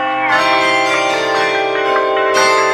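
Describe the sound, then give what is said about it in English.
A doorbell chimes with bright, resonant tones that ring on and overlap, struck again near the end, loud with no voices. “The doorbell? Who could that be?”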